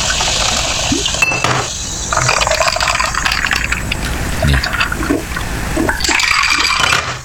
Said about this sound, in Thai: เติมโซดา